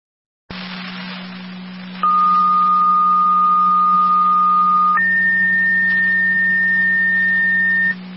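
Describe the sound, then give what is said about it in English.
A second set of fire dispatch paging tones for an EMS call, sent by fire control for Cambria, Niagara County, plays over radio static: a lower pitch held for about three seconds, then a higher one for about three more, with a constant hum beneath. “Fire control Cambria, second set of tones for your EMS call.”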